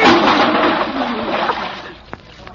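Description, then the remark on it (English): A loud splash as a water bucket set up high tips and pours down onto a doctor all at once, a broad rushing spatter that tapers off over about two seconds, followed by a few faint knocks and drips. “who put that water bucket up there?”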